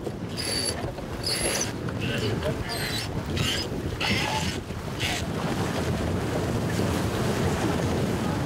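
Strong, increasing wind roars steadily across a sailing boat in bad weather, with buffeting gusts hitting the microphone, water rushing along the hull, and bursts of hissing spray throughout.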